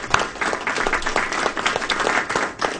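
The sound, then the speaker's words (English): A round of applause from a group, dense overlapping claps forming a steady, moderately loud patter that holds for a few seconds and then tapers off briefly near the end. “Round of applause.”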